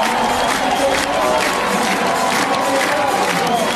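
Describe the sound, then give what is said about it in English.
A large stadium crowd at a Nebraska game cheers loudly and steadily after Nebraska scores on a sacrifice fly to take a 2-1 lead, a dense roar of voices with scattered shouts and some clapping, holding at an even level without pause. “And just like that, this crowd back in it.”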